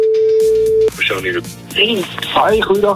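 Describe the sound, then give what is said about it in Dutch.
A steady, single-pitched telephone ringing tone holds for nearly a second, then cuts off abruptly as people begin talking, the voices sounding thin like a phone line. “Maar ja, de telefoon gaat over in ieder geval.”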